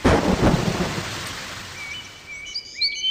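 A loud roll of thunder opens over steady falling rain, then fades into the patter while a few thin bird chirps sound near the end.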